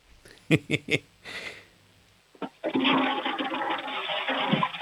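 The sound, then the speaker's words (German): A toilet flush played for a radio show's sound game: three quick clacks of the handle and a brief rattle, then the flush bursts in with a loud, steady rushing roar of water that carries on to the end. “Das ist mal eine tolle Klospülung”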